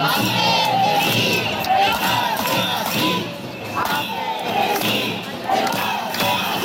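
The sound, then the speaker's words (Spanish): A large crowd of protesting teachers chants slogans in the streets of Alicante, many voices shouting together loudly and continuously, with rhythmic swells and brief dips as the chant repeats. “Sí, y a sus gritos reivindicativos ya conocidos por todos se suma ahora el de Ampe, Cesif, Encar, Estemasí.”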